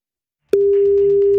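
After a moment of silence, a steady telephone ringing tone begins while calling, a single loud, unbroken electronic hum that holds evenly to the end, with a faint line hiss underneath.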